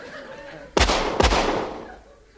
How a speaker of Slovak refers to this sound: Čo je? Ten hlupák běží ďalej. Asi nepočul, že to strieľate do neho, pane.